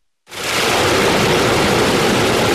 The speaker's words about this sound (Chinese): 随着埃里克塔木取首的电子闸门缓缓抬升，塔里木河的最长源流叶尔羌河河水奔涌而下，水流一路绵延超过350公里，在与和田河交汇后最终汇入塔里木河干流。